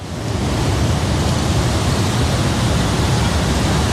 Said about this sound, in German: Und zu diesem Wasserfall von der Ängstlichen steigen wir jetzt runter.